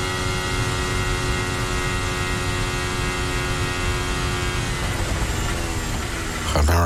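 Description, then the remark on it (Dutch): A high-revving Formula 1 car engine on a fast lap screams steadily at full throttle, its pitch holding and then dipping near the end as the car shifts down, loud with no voices. “Ik hoor hem niet inklappen, die auto van Lewis Hamilton.”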